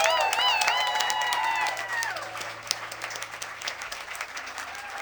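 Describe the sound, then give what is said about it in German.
An audience at a B-Sides event applauds to thank the technical crew, with dense, overlapping clapping throughout, joined at first by loud high-pitched whoops and cheers that fade after about two seconds, leaving steady applause. “Riesen Applaus!”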